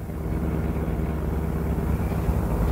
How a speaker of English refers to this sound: The best place I know for getting lost is the heart of the city, so we pile into my car and drive uptown.